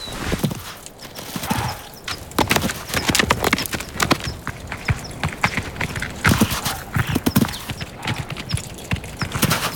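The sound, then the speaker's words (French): Chamois hooves clatter over rocks on a thin, steep ledge, carrying a human on its back, in a steady, uneven run of sharp, loud clicks and knocks, some strikes doubled, with no voices. “Franchir quelques rochers sur une fine corniche, même avec un humain sur le dos, ne m'arrêtera pas.”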